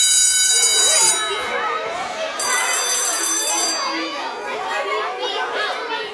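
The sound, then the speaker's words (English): Two bursts of steady, high-pitched electronic WHIO Storm Center alert tones on Dayton radio station WHIO, signalling emergency weather information minutes away, sound over a busy murmur of overlapping voices, the first at the start and the second a little later. “It means when you hear these tones, you are just a few minutes away from emergency weather information.”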